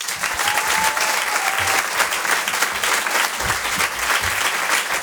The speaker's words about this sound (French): Je vous demande de réserver un tonnerre d'applaudissements, s'il vous plaît, à Patson.